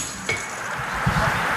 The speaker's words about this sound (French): Les trois corps s'effondrent dans un grand fracas métallique. Le public crie. Les vélos tombent les uns sur les autres